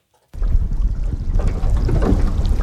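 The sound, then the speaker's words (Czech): A sightseeing boat's engine rumbles steadily as the boat rocks at the mouth of an icefjord near Ilulissat, Greenland, among floating pieces of ice, with wind buffeting the microphone and water sloshing; no voices are heard. “Naše vyhlídková loď se pohupuje v ústí Jakobsenova fjordu a všude kolem plavou kusy ledu.”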